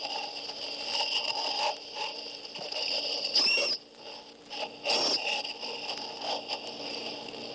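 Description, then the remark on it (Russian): High-pitched squeaks and squeals of sirenians (sea cows), rare animals of warm coastal seas: thin tonal chirps that continue steadily throughout, broken by two brief, louder scratchy bursts in the middle. No voices. “Скорее, это писк и визг молочных поросят.”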